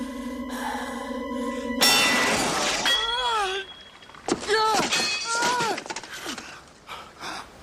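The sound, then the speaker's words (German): A steady humming tone suddenly gives way to a loud, bright crash of a legendary sword shattering in a scene from a 1981 British fantasy film, its metallic ringing spilling out, followed by strained voices crying and gasping. “Du hast zerbrochen, was nicht zerbrochen werden konnte. Eine unschlagbare Waffe, das Schwert Excalibur.”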